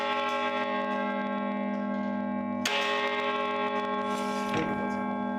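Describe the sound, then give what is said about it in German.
The bells of a collegiate church's carillon in Germany, 47 bells, ring out in overlapping, sustained tones, with fresh strikes layering bright new notes over a steady resonant hum of lingering bells, fairly loud with no voices. “Die Stiftskirche hat sogar ein Carillon, ein Glockenspiel mit 47 Glocken.”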